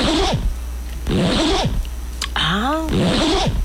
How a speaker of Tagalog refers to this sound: Ay, kanahag zipper. Ayan! Daga kay zipper.